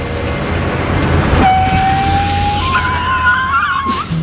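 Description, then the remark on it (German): A car engine rumbles and revs, with a rising high whine like spinning tires as it pulls away quickly, ending in a brief burst of noise. “So, und jetzt ab ins Auto. Nix wie weg.”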